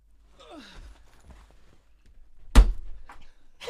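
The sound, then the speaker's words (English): A door slams shut with one loud thud that rings out briefly, preceded by quiet breathy whooshing and faint shuffling. “You grab your bag, run for the door, and slam it behind you.”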